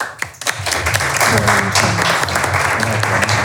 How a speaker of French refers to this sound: Est-ce qu'on peut applaudir une seconde fois pour l'intervention?